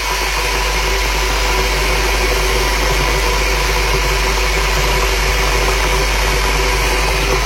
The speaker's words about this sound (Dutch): De waterkoker voor een vers bakje koffie. Of een kopje thee.